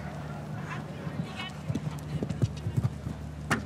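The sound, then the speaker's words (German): Horse hooves clip-clop in an irregular rhythm during a show-jumping ride, a string of dull thuds over a steady background hum, with a faint voice murmuring underneath. “Etwas größerem Aufwand gestaltet dieser Ritt hier, aber es gibt keinen Stilpreis.”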